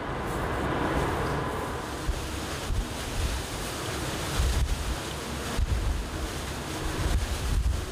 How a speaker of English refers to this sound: Captain Friedhelm is sailing in the lee of the Silver Soul. He estimates the waves are up to 4 meters high. The higher the swell gets, the trickier it is for us.